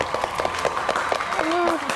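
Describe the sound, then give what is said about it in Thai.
Audience applause for two competing teams, a dense steady wash of clapping that holds for the whole two seconds, with voices and a brief rising-falling high tone mixed into the noise partway through. “ขอเสียงปรบมือให้กับทั้ง2ทีมด้วยนะ”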